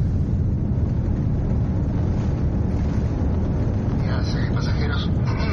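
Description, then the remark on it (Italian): A steady, loud low roar of an airplane engine on a long flight to Chile, a constant droning hum inside the plane without letup, with faint murmuring voices surfacing briefly toward the end. “Non rimane altro da fare che salire sull'aereo e cominciare questo lungo viaggio fino al Cile.”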